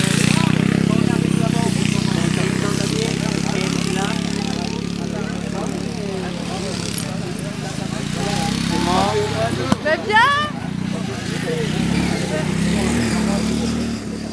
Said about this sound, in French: Est-ce que vous connaissiez déjà les courses de tracteurs tondeuses ?